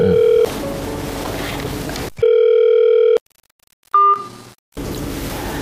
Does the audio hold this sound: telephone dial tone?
yes